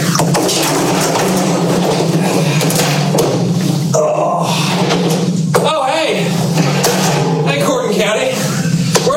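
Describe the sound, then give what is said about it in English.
A chaotic crash of thuds and bangs as a person is kicked by a cow into a fire station, in a town fire department's burn ban clip. The crash is buried in dense, loud, continuous noise with a steady low hum and indistinct voices throughout. “the fire department in this one town was talking about the burn ban, and they start with a clip of somebody getting kicked by a cow into the fire station, and this is what it sounds like.”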